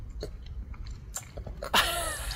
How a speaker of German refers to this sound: Eine gesunde Portion Eisglück aus Früchten schmatzt auch die einjährige Daria in Dresden weg. Guck mal. Wir sind neidisch und auch ein bisschen verliebt. Hör mal, das Schmatzen.